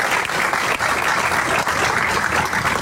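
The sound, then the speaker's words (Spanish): A crowd claps steadily for the president and his government team, a dense, continuous patter of many hands at a fairly loud, even level throughout, with no voices standing out. “Y esto se logró gracias al compromiso, gracias al señor presidente, para quien pido un fuerte abrazo, un fuerte aplauso para él y para todo su equipo de gobierno.”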